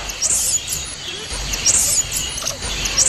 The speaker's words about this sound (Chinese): 第二题，音频中松鼠猴发出的声音有什么作用呢？